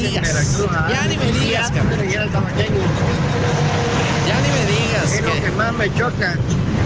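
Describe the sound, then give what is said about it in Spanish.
Busy street traffic on back-to-school day with cars and buses rumbling steadily, mixed with a dense murmur of crowd voices throughout, loud and continuous for the whole stretch. “El tráfico.”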